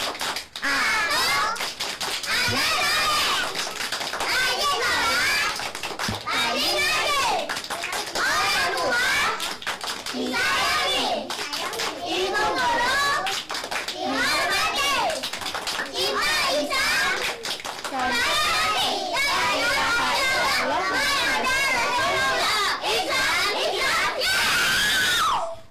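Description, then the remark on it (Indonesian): A group of Indonesian schoolchildren, led by their teacher, loudly chant the 'tepuk anak soleh' clapping cheer in unison, clapping along in a steady, rhythmic pattern, their high voices shouting and rising throughout with little pause. “Ayo tepuk anak soleh.”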